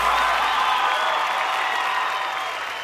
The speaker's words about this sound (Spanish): Gracias, muy amables, por los aplausos a toda la gente que nos acompaña esta tarde.